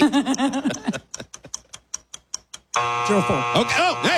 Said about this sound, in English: The buzzer! Four to the buzzer.